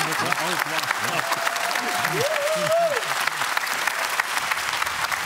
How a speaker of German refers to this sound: Guck mal, jeder Applaus tut doch gut, oder? Ist das doch immer schön.